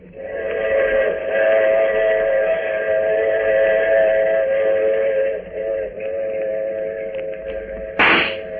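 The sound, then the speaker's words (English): A train whistle blows at a railway platform in one long, unbroken, loud blast, holding a steady pitch for several seconds before a brief sharp burst of noise near the end. “The train platform was empty, save for Lieutenant Gregg and me.”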